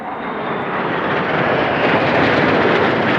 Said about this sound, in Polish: Gdańsk, Warszawa, Dęblin, Kraków. Widowiskowym przelotem nad krajem samoloty F-35 przywitały się z polskim niebem.